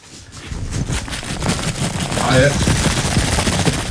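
A hat being shaken right at the microphone gives a fast, continuous rattle of dense crackling and rustling that holds fairly loud and steady for about four seconds, with a faint voice briefly underneath.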